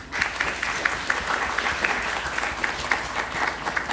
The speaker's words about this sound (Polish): Brawo dla tego pana. Wszyscy już mieli brawa oprócz państwa. To brawa dla państwa.